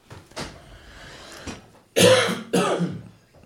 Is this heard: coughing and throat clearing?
yes